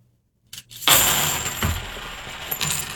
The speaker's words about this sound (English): I'm going to do the clad. Again, the same number of coins. 50 half dollars, what I'm using. Here we go.